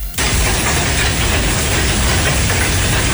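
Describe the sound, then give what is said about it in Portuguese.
Large hailstones pour down on the grounds of a house in Alto Gasparinho in a dense, loud, unbroken clatter, a steady rattling roar that starts abruptly and keeps going without pause; no one speaks. “Ela me mandou as imagens, agora uma foto do tamanho do granizo que caiu no terreno da...”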